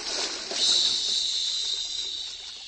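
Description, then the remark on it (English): A steady, loud hissing fizz as a whole bottle dissolves in strong punch in a glass punch bowl, rising quickly and then holding for a few seconds, bright and sharp like a vigorous chemical reaction bubbling in liquid, with no one speaking. “Just toss the bottle in.”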